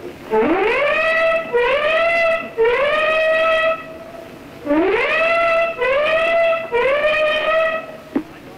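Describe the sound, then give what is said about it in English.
A ship's warning whistle sounds six loud blasts in two groups of three as a Nazi plane passes and flak rises. Each harmonic-rich tone swoops upward in pitch and then holds steady before cutting off. No voices are heard. “Our own ship has just gave its warning whistles, and now flak is coming up in the sky in streamers from the warships behind us.”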